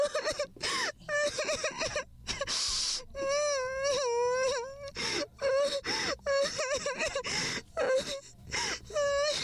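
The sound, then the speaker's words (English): A woman cries and wails in the Christian radio drama Journey to Eternity from Christian Art Theater Enugu, her loud, high voice rising and falling in long wavering moans, broken by sharp gasping breaths and short sobs throughout. “Why are you still crying?”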